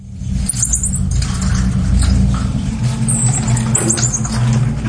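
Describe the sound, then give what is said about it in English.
A marmoset monkey in a cage inside a bag left on a London bus gives thin, high-pitched squeaky chirps in two short bursts, heard over a steady, loud low rumble like a vehicle engine idling. “Well, inside the bag was a monkey in a cage. The marmoset had been abandoned and was reported to the RSPCA Animal Welfare Organisation.”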